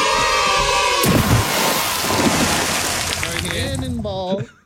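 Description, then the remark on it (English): A sudden heavy cannonball splash into water bursts out after a second of steady hiss, followed by churning, sloshing water and a brief voice near the end before it cuts off. “Cannonball.”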